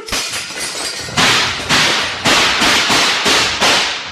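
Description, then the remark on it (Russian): A lantern is smashed with a noisy crash, followed by a volley of six or seven sharp, loud gunshots in a dark prison, fired in quick, uneven succession, each cracking with a short echoing tail. No voices. “Вспышки выстрелов прорезали тюремный мрак, и сразу стало тихо.”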